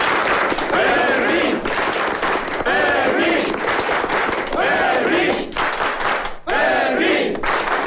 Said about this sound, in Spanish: En cualquier caso, yo pido un aplauso muy grande para el guardia Fermín.